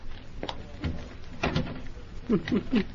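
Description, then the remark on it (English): A door at the head of a flight of stairs, just unlocked, is shut, with a few short knocking clunks and a heavier thud, followed by three brief, rising, voice-like chirps near the end. “Turn on the lights and close the door.”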